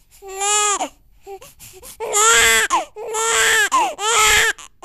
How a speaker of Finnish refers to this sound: Tätä eli vastasyntyneen ihmisen itkua pitäisi kuulua Satakunnassa paljon nykyistä enemmän.